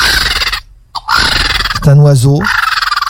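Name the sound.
bird call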